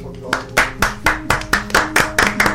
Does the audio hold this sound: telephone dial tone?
no